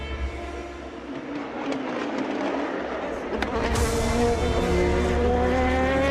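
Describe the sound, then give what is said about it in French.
A high-pitched engine whine builds steadily as an LMP1 race car approaches from behind at Le Mans, with harmonic tones sweeping and a sharp rise near the end as it passes, over constant low cockpit rumble. “LMP1 derrière.”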